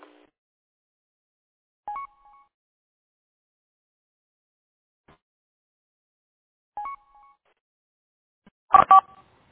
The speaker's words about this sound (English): I hear some beeps. Might have doubled, or the repeaters didn't settle down yet.